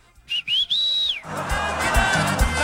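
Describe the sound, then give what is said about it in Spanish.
A loud, piercing whistle calling someone: a short rising chirp, then a long sustained high note that slides down at the end, followed by a noisy, crowd-like bustle. “Ay, me desespera no saber chiflar.”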